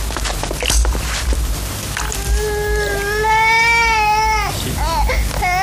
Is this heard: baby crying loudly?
yes